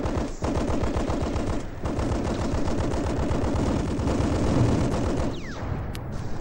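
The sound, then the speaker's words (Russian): Loud machine gun fire, giving covering fire for advancing infantry, rattles almost without pause for several seconds, rapid shots blurring into a dense, overlapping clatter with only a brief dip early on. No voices are heard. “Пулеметчиков вперед! Пусть прикроет огнем наступающую пехоту.”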